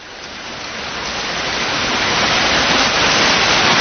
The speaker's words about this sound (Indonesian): Hari ini hari Ahad. Ubay sebenarnya pin jalan-jalan. Tapi dari tadi hujan deras.